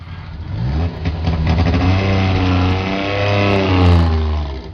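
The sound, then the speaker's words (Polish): The small engine of a Syrena car runs loud and rough, its throaty hum rising and falling as the throttle is revved several times. No one speaks. “Oj, żeby nie zgasła jeszcze.”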